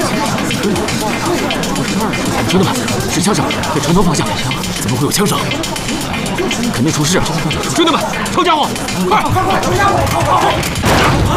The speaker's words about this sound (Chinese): 兄弟们，是枪声，给城头放下。 怎么会有枪声？ 肯定出事啊！